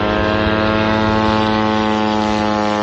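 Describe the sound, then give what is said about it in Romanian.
A loud, steady propeller drone from an attack drone flying overhead buzzes without pause, its engine drone constant and harmonic-rich. No one speaks. “Drone, короче, летят.”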